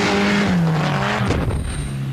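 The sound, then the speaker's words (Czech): A Škoda Favorit rally car's engine roars loudly in a 1993 advertisement, its pitch dipping and rising through gear changes, while tires skid and squeal across the surface throughout the short burst. “Nová Škoda Favorit vítězí v jedné rally za druhou.”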